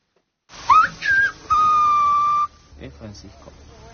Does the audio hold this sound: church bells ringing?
no